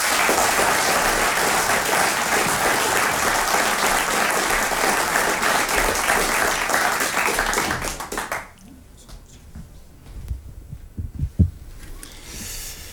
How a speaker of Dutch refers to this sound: Hij is de winnaar van het Nederlands kampioenschap Light Verse. Een hartelijk applaus voor